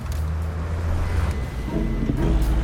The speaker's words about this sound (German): Kurz darauf fuhren wir in Mr. Hoodies sehr gemütlichem Auto in das nicht ganz so gemütliche Londoner Industriegebiet. Vor der Fabrik kam das Auto zum Stehen und wir stiegen aus.